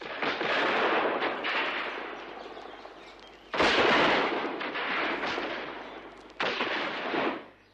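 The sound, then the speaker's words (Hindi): Heavy, continuous gunfire exchanged from both sides between Azad and Nott Bower, who is behind a tree, with loud blasts striking around the three-second and six-second marks, each followed by a rolling, crackling roar of shots. Intense, with no voices. “पूरे एक घंटे तक दोनों ओर से गोलियां चलती रहीं।”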